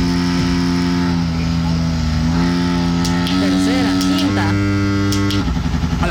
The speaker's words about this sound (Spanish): ¡A la gran viuda! ¿Cuántos cambios tiene esa moto? Ya perdí la cuenta yo, fíjate. ¿Para vos cuántos cambios tiene? ¿Seré vos que tenés un poco de experiencia en motocicleta? Hasta la cuarta, ah, creo, le metió. No, hombre, hay más, fíjate.